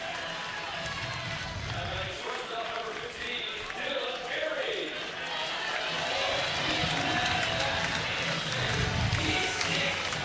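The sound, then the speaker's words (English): A large baseball stadium crowd at Hawks Field roars and cheers in a dense, sustained wash of noise that swells slightly louder toward the end, a standing ovation for Dylan Carey as he walks to the plate. “And hopefully this crowd gives him the ovation that he deserves.”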